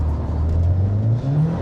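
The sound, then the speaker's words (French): A Civic sports car with a manual gearbox and 320 horsepower going to the front wheels roars under a hard launch-control start with some wheelspin, its low droning tone climbing steadily in pitch with a rough, gritty texture. Loud throughout, with no voices. “Red Launch Control sur celle-ci, il va falloir doser.”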